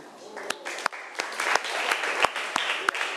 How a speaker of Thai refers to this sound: ขอเสียงปรบมือให้กับเพื่อนหน่อยค่ะ